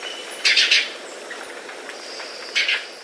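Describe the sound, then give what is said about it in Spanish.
A bird's trill rings out in two short, bright bursts, one early and one near the end, separated by a quieter stretch with faint high chirps and a thin hiss. “El trino del guayabero ocre forma parte del Banco de Sonidos de Aves Colombianas recopilado por el Instituto von Humboldt y la Universidad de Cornell.”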